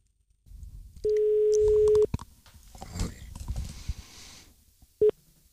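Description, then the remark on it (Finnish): An outgoing call's ringback tone on a direct line from a Yleisradio studio in Pasila, calling Peltola: one steady one-second beep, a pause of about three seconds filled with faint line noise and rustling, then the brief start of the next beep. “Me voitaisiin nyt soittaa sinne Peltolalle, koska tämä on Yleisradio, täällä on suora linja.”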